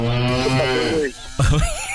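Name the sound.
cow mooing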